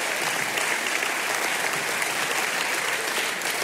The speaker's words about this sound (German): Sie können ruhig klatschen, wenn Sie möchten. Ich freue mich, wir freuen uns für das Geräusch.